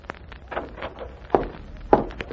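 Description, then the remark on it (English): Soft, shuffling footsteps across a yard give way to two firm, hollow knocks by a Nazi on the wooden door of a little house, spaced about half a second apart, with no voices. “The Nazi knocks on the door.”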